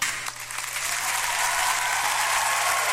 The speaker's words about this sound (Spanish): Primero voy a saludar a todos mis amigos de la carnicería Emporio Santa Vaca. Un saludo para todos, porque yo sé que me están escuchando. Así que un aplauso, por favor, maestro, para ellos.